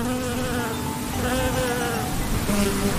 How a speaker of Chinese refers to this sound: 是蜜蜂，是蜜蜂飞舞的声音。嗡嗡嗡，嗡嗡嗡，小蜜蜂采蜜啦。